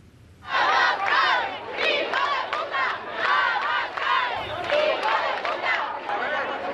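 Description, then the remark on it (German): A large crowd of hundreds of protesters at a rally in the old town of Ceuta, the Spanish exclave in North Africa, shouts slogans against Prime Minister Pedro Sanchez in loud, rhythmic bursts, voices rising and falling together in a steady chant that fills the whole clip. “Die Demonstranten richten ihre Parolen gegen Ministerpräsident Pedro Sanchez, der für seine migrationsfreundliche Politik bekannt ist.”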